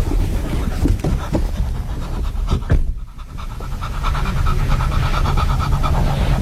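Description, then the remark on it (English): A dog pants rapidly and steadily in a hot car, breathy rhythmic huffs continuing throughout with a brief pause near the middle, no one speaking. “If you're a dog in a hot car, you can't sweat, you can't fan yourself, you can't open the window, you can't get out, and you're sitting in a fur coat.”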